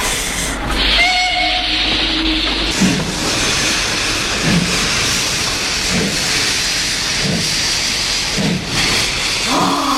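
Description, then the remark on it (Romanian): A steam train pulls out of a station, loud hissing steam bursts at first, then rhythmic chuffing that repeats steadily, with a brief whistle-like tone near the start; no voices. “De ce nu pleacă odată trenul ăsta?”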